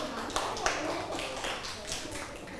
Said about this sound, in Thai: ปรบมือให้ตัวเองด้วยค่ะปรบมือให้เพื่อนด้วยค่ะ